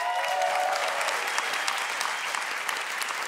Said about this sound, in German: Dein Publikum applaudiert und gibt mir recht. Das war eine saugute Idee mit dem Lied.